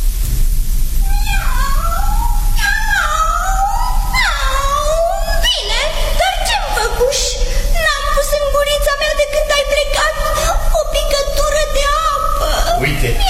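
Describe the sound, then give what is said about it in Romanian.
A cat meows angrily, scolding, in a rapid series of loud, drawn-out yowls with rising and falling pitch, over a busy, noisy background. “Pisica îl mustră.”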